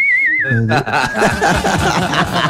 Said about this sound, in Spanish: No, va a cantar el himno de México. Va a silbar.